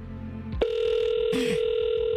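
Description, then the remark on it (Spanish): A phone call to a town councilwoman connects and a steady, mid-pitched ringback tone drones on without a break, briefly joined by a short burst of hissy noise partway through. “Ya me dio miedo nomás con el timbre.”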